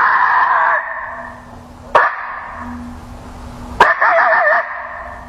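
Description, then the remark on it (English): Electronic caller playing a coyote challenge call: sharp barks with harsh, wavering yelping tones and a short howl that breaks off, loud with no talking. “You can hear it's a couple of barks and then a short howl, and then it breaks off.”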